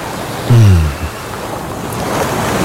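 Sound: ocean waves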